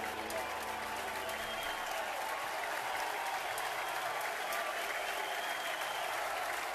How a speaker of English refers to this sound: Bases loaded, one gone, nowhere to put Brady Neal. Crowd's going to come alive again.